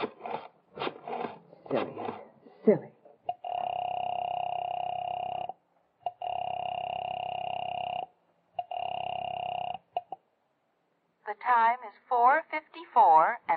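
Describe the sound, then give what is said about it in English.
A telephone line sounds as a number is dialed: steady electronic tones in three long bursts, each about two seconds, with short breaks. A person speaks before and after. “knowing how foolish it was, knowing it, went to the phone and dialed.”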